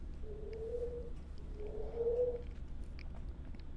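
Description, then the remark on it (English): Two drawn-out, low cooing bird calls follow one another over a steady background rumble, the second slightly louder and ending with a brief rising lilt. “All right, I'm going to watch some more bird watches, but I do have to call some birds.”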